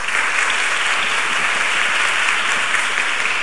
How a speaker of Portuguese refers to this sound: Uma salva de palmas pra ela.